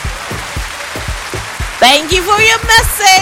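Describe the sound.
Steady, hissing applause runs under a thumping drum-like beat, then high whoops and cheering voices rise over it in the second half.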